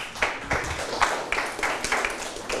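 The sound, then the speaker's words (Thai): A group of classmates claps their hands for a fellow student, a steady, overlapping patter of sharp claps at moderate loudness, with no talking. “แล้วก็บันทึกความรู้ด้วยปรบมือให้เพื่อน”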